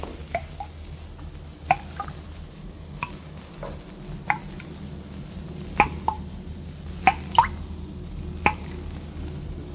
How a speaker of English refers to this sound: See anything, Captain? No. Place is empty. Not a sound but the dripping water.